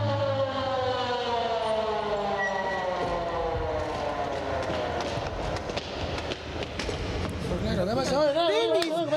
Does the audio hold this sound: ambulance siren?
yes